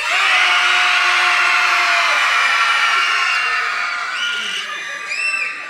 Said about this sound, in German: Jetzt schreit mal so laut ihr könnt. Ich gebe euch ein Signal. Fertig? 1, 2, 3.